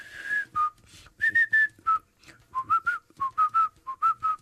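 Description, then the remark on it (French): A melody is whistled in short, bright phrases with brief pauses between notes, a lively jazz tune carried clearly, with no voices speaking. “Mais commence justement par sa morceau là et commence par siffler lui tellement facile.”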